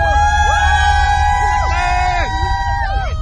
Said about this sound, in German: Mit Hamilton, Weltmeister Lando Norris, George Russell, Baehman und Lindblad sind 5 Briten am Start. Und die über 100.000 sorgen für lautstarken Jubel für ihre Fahrer.